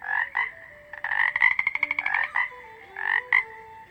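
A toad croaks in bursts of rapid, raspy pulses, one long trilling run in the middle and shorter calls before and after, with no one talking.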